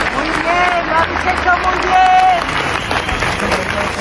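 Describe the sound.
A crowd applauds steadily outdoors at a memorial march paying homage with flowers, candles and lit mobile phone lights, dense clapping filling the scene while scattered voices and murmurs rise through it, a couple of higher calls standing out briefly.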